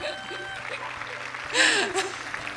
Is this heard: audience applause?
yes